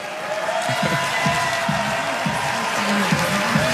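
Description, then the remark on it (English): A large crowd at the 2026 NBA Draft cheers for the home team, the Brooklyn Nets, as they select Tyler Bilodeau from UCLA, a steady, dense roar with scattered clapping, holding at an even loudness throughout while individual voices rise and fall within the noise. “So a cheer here for the home team, the Brooklyn Nets.”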